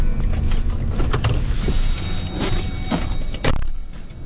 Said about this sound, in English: Out in the brisk February morning, the cold gets into your lungs quickly. The biologists unload snowmobiles from their idling trucks, parked nose to tail just off the side of the road.